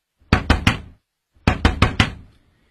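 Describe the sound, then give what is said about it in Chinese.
Loud knocking on a house door: a quick burst of three sharp raps, a short pause, then four more in a steady rhythm, with no voices. “谁啊？ 开门。”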